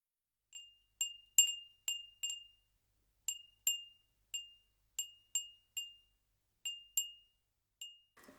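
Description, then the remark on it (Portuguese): A glass Edo furin wind chime, a traditional Tokyo craft of hand-blown glass painted on the inside, tinkles with clear, high, bell-like rings, about fifteen light strikes at irregular intervals, each fading quickly. No voices, just the chime alone, fairly soft. “Surgia ali o famoso Edo Furin, considerado até hoje um dos artesanatos tradicionais da capital japonesa.”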